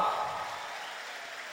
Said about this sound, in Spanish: Entonces un aplauso más fuerte para Él. ¿Estamos bendecidos por el Señor? Entonces un fuerte aplauso.